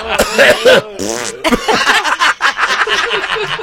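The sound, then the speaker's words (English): A raspy fart-like blurt breaks out amid snickers and chuckles, with voices laughing and murmuring over it throughout. “Okay, but seriously, you guys have farted in here?”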